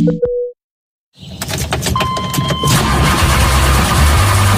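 A short electronic chime, a pause, then a car engine cranks and catches, settling into a steady idle with a faint whine over it. No one speaks.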